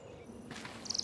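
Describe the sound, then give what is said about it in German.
A small bird, Piepler, gives a quick burst of about five high, thin chirps in rapid succession, coming in sharply after a brief stretch of soft background noise. “Flieg, kleines Vögelchen.”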